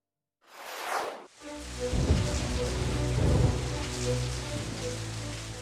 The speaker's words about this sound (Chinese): 雷声划破了夜空，雨幕下小洋楼灯火通明。